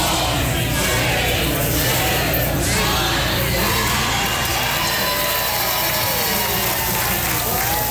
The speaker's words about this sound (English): Fans gathered to watch the All-American Showdown. At Federation Square in central Melbourne, a sea of red erupted as the 49ers claim victory over the Rams.